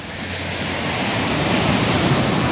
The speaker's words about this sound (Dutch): Het geluid van een branding.